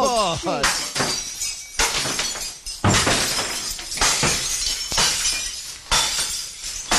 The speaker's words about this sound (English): Get to the crockery room, mate. It's good crockery. I want to hear some smashing in there.